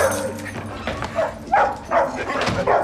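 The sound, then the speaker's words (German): A dog barks in short, excited bursts, about three or four sharp barks mixed with higher yips and whimpers over a low background hum. “Keine Angst, er tut nichts. Das war Nummer eins. Was? Hundebesitzer sagen immer zwei Sätze.”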